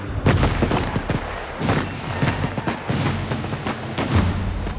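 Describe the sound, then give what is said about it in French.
Repeated Prussian cannon blasts shelling Paris boom one after another, deep thuds with sharp cracking onsets and rumbling tails, fairly loud, with no voices present; the shells reach the population inside the city. “Les Prussiens sont désormais si proches que les tirs de canon atteignent la population à l'intérieur de la ville.”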